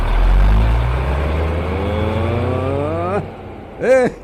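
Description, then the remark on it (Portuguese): A truck engine revs loud, its pitch climbing steadily for about three seconds before cutting off, then a brief rising-and-falling burst follows. “Meus amigos caminhoneiros, vai, vai, vai. Ei, tá aí. Parece que eu tô vendo. Liga, bicho. Liga.”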